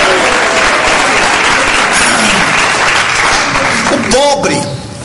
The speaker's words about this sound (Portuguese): Eu sei que está difícil vocês bater palmas. Esforce aí. Esforce, bate palma e dá glória a Deus.